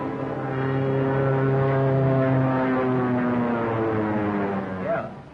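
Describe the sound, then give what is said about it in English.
A two-seater propeller plane drones steadily overhead, its engine a loud, even hum with layered low tones that slowly shift in pitch, like a small aircraft passing by. “Plane, two-seater, eh?”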